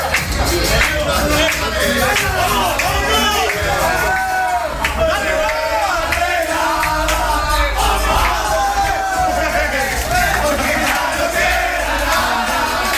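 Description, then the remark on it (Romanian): A packed crowd of Rayo Vallecano football fans crammed into bars in the Vallecas district of Madrid roars and cheers continuously after the winning goal at Strasbourg, overlapping shouts and excited voices blending into a loud, sustained wall of celebration with scattered yells rising above. “Golul victoriei de la Strasbourg i-a adus în extaz pe fanii spanioli care s-au înghesuit în barurile din cartier”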